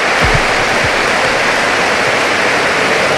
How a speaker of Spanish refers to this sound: Y reciben la ovación de la catedral y así suenan los micrófonos de Radio Popular, Erri Irratia.